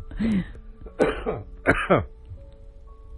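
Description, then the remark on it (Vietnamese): A person clears their throat and coughs in several rough bursts, three main ones in quick succession, fairly loud, with no talking. “Nhắc tới mấy ông cộng sản sao tự nhiên tôi phát ho không?”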